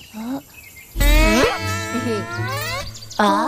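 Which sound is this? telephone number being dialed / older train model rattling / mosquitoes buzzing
mosquitoes buzzing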